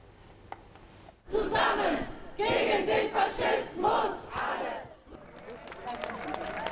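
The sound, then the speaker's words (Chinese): Thousands of demonstrators in Berlin, Germany, protesting against the far-right AfD party, chant anti-fascist slogans in loud rhythmic bursts with pauses between phrases, voices shouting together outdoors, followed by a quieter stretch of crowd murmur and scattered clapping. “你看到现场呢，有数千民众正在聚集，人群们齐声在高呼要反法西斯口号，鼓掌助威。”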